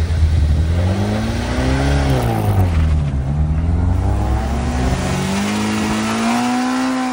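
Old classic car engines rev hard and roar continuously, pitch rising and falling as they accelerate up Munkebjergbakken hill near Vejle, Denmark, on an August day, loud with no talking.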